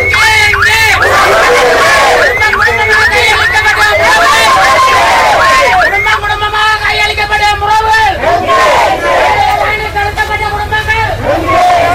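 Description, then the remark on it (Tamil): A loud crowd of many voices chants together in repeated rising and falling phrases, a steady rhythmic roar of shouting over background traffic rumble, at a rally demanding an international investigation, which started near the UN office by Nallur Kailasa Pillaiyar temple and ended at Kittu Park. “சர்வதேச விசாரணை முன்னெடுக்க வேண்டும் என கோரியே பேரணி நடைபெற்றது.”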